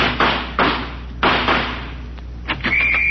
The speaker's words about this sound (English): I'm going to fling this door up, and when I do, I'm going out shooting.